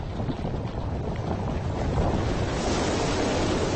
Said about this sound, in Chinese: 冰川崩塌，海水翻涌，冰山的诞生绝对是最壮观的自然现象之一。